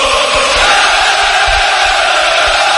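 A large crowd roars steadily, a dense wash of cheering and shouting voices that stays loud and unbroken from start to finish, with low rumbling thumps underneath.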